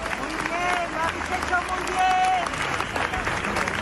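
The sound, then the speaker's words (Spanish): A large crowd at a memorial march applauds steadily in homage, with flowers, candles and lit mobile phones, a dense wash of clapping that holds at an even level throughout, with scattered voices and calls rising over it. “Murió el miércoles, como les digo, y ayer esa marcha, que a ratos avanzó en un profundo silencio, quiso rendirle homenaje con flores, velas, con las luces de los móviles encendidas y con aplausos.”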